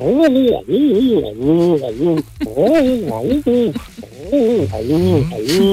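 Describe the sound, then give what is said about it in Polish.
A man's voice, a listener calling in by phone, imitates a collared dove, cooing in three repeated phrases of rising and falling hoots, loud, with brief pauses between them. “Pan udaje gołębia. Synogarlice.”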